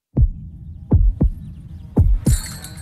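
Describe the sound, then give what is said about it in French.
A deep, thudding heartbeat sound effect: a single beat, then two double lub-dub pulses at a steady slow rhythm over a low hum, with a brief hiss of noise at the end. “Vous entendez? C'est la fleuriste Rouge Pivoine à XL qui fait battre le cœur de Bruxelles.”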